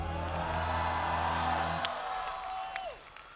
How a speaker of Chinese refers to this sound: 我们有请彬彬来分享此刻的心情，掌声给吴彦斌。